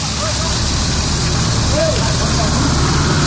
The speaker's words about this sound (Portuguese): é muita água que está jorrando, formando aquela super ducha assim pro alto, jogando água pro alto, cano estourado certamente ali